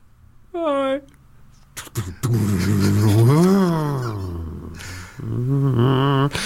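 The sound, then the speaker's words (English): Someone vocally imitates a car, with a short rev followed by a long rising and falling engine whine and a noisy crash-like burst, all loud. “He's been in a car crash now, hasn't he?”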